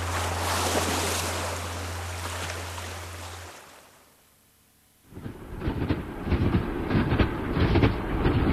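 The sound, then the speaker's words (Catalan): A train rumbles along the rails between Figueres and Girona with a steady low hum and rushing noise, fades briefly to near quiet, then returns louder with rhythmic clattering of wheels over track joints. “A mi tot aquest tram en tren entre Figueres i Girona em sembla sublim.”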